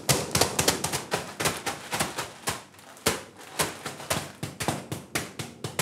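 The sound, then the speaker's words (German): Rapid, irregular tapping on the top of a mushroom growing block, damaging its surface to prompt the fungus to form fruiting bodies, many knocks in quick bursts with a brief pause near the middle, crisp and dry with no talking. “Wir einmal oben ein bisschen klopfen und die Oberfläche ein bisschen beschädigen.”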